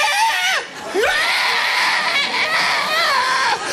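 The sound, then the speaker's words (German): A person imitates an ostrich's call with a loud, shrill, screeching voice, rising and falling in pitch with a brief dip before continuing strained and raspy for several seconds. “Ich schaue die Strasse an und plötzlich taucht ein Strauss auf, flügelt draussen, rennt auf mich zu und das Geräusch einfach, taucht auf mich.”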